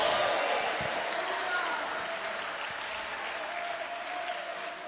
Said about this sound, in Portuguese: Isto, com muita alegria, vamos aplaudir ao Senhor. Vamos dar glória a Deus.